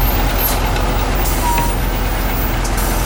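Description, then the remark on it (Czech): A crane lifts a roughly 100 kg ear-shaped part onto a truck: a loud, steady diesel rumble with mechanical whine and brief hissing bursts running throughout, with no one talking. “Teď ten jeřáb to ucho vzal a přendává ho na to nákladní auto.”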